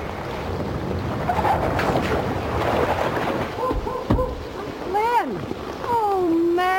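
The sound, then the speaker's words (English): Rushing floodwater from an overflowing river roars steadily, rising fast, a continuous wash of churning water and wind, with a few short whistling, sliding tones cutting through near the end. “Water's coming up fast.”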